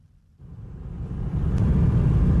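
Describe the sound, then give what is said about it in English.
Steady low rumble of cars queued for kilometres on the single bridge connecting Crimea to the Russian mainland as they try to leave the peninsula; it builds up after a brief quiet start, engines droning continuously, with a passing whoosh partway through and no voices. “On the single bridge that connects Crimea to the Russian mainland, traffic stretches for kilometres as cars try to leave the peninsula.”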